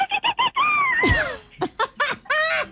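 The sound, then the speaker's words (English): A person imitates a bottlenose dolphin's triumphant call as a sound effect for a beach story: a few quick squeaky chirps, then a sliding high whistle with a breathy rush, followed by more rapid squealing chatter. “A bottlenose dolphin let out a triumphant call in the distance.”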